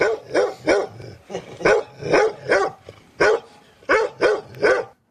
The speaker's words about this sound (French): Et puis encore un chien.